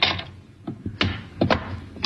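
A vault lock is unlocked with keys taken from a dead man's watch chain and the vault door opened: a scraping rattle, then a series of sharp metallic clicks and clanks at uneven intervals, fairly loud, with no voices.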